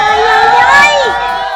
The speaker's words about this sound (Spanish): Acá desde Lomas del Comichín y a ver, venga otro grito, por favor.